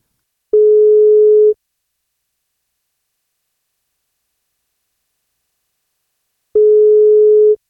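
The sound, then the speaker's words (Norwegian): A telephone ringback tone sounds while a radio breakfast show's call connects: two steady one-second beeps separated by a long silent pause, clear and fairly loud, with no voices. “som ringer deg”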